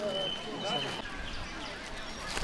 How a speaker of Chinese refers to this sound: 您听，这都是什么鸟叫？ 这好多好多乌冬在叫 啊！ 啊，您一听就能听出来。 对，因为乌冬它是一种特别擅长编曲的鸟，它会模仿那些鸟类的声音，然后把一些它喜欢的声音编进去